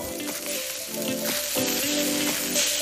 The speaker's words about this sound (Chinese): 烤架上滋滋冒油的猪蹄，笼屉中热气腾腾的包子，香气四处飘散。